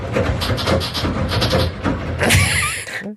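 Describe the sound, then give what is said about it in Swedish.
A machine creaks in a steady run of rough, rhythmic pulses, then breaks into a louder, higher-pitched squealing groan before stopping abruptly. No one speaks. “Men alltså, så här knarrar den.”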